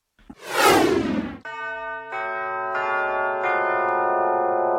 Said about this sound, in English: Well, it's a wrap. Did you hear the bells? That means it's time to wrap the show.